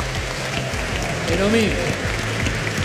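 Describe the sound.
An audience applauds steadily, dense overlapping claps holding an even level throughout, while a voice briefly calls out over the clapping about halfway through.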